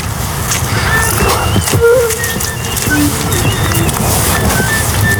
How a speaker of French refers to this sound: De la mésange derrière.